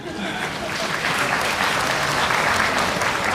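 A steady wash of applause from an audience at a live stage performance, many hands clapping densely and evenly throughout, fairly loud, with no single claps standing out.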